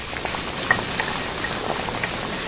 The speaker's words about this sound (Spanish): Vamos a calentar este sartén con aceite y voy a medio freír los camaroncitos.